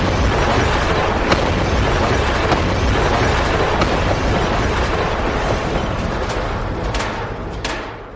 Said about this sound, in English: But the pig wasn't called big and bad for nothing. He went and fetched his sledgehammer, and he knocked the house down.